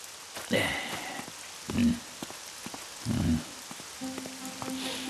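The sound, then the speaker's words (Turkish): Steady hiss of heavy storm rain pours throughout, broken by three short, low rumbling surges, with a faint droning tone creeping in near the end. “kim bilir nasıl korkmuştur fırtınadan.”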